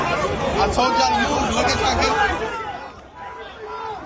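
A dense babble of many overlapping voices, loud and steady, from chaotic crowds lined up in New York in the morning, with no single speaker standing out, dipping briefly near the end before swelling again.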